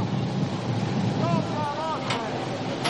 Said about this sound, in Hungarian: Hát a búvár elöltözködik, és a híd felől fúj a szél.